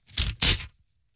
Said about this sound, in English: Stop slapping your paper and doing stuff.